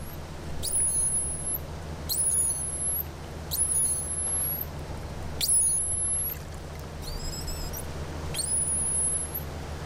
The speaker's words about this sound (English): So the water is very, very quiet, and we can hear the dolphins talk much more clearly.